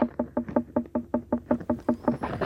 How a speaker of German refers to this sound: Und die unreife Melone.